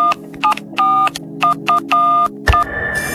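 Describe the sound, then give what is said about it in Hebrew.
An outgoing phone call is dialed: a rapid series of telephone keypad tones, about eight short and long beeps in an uneven rhythm, ending with a brief click and a steady tone over faint background hum. No one speaks. “הבטחנו לכם שעונים במתנה, מערכת מתקשרת”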